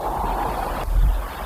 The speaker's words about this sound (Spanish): El mar suena porque lo mueve el viento.